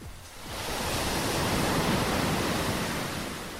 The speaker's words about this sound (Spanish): Se escuchan las olas. Desde aquí puedo olfatear el mar.